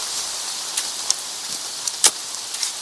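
Steady rain falls with a constant hiss, scattered louder drips and splats popping out now and then. No voices, just the continuous wash of rainfall.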